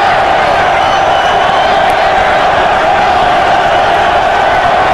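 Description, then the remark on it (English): A huge, packed stadium crowd roars and cheers loudly and continuously, a dense wall of voices with scattered whoops filling the whole stretch with no letup. “We told you the atmosphere here would be incredible. I mean, there is no place anywhere that's not occupied by a fan.”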